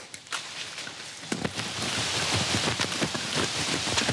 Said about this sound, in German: Alter Schwede, es regnet.